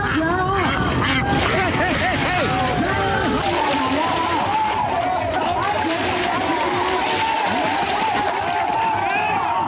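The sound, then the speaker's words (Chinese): Many ducks quack loudly and continuously in a dense overlapping chorus during a duck-catching contest, with excited crowd voices and commotion mixed in throughout. “抓鸭子不光是男士的比赛，不少小姐姐也不甘示弱，真是巾帼不让须眉，只因眼中有鸭。”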